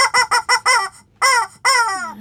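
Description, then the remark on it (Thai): A chicken clucks loudly: a run of five quick, choppy clucks, a short pause, then two longer, drawn-out squawking calls that trail downward. “ส่วนเสียงดังนี่ก็ไม่มีใครเลยนอกจากเจ้าไก่นี่แหละ”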